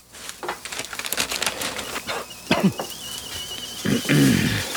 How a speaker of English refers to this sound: The kettle's on. Would you like a cup of tea, love?